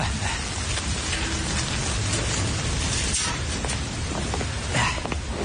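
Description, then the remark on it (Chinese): A sudden heavy downpour pours down steadily, a dense, loud hiss of drops pattering on surfaces with no break for the whole stretch and no voices. “这下着大雨，你怎么突然跑过来了？”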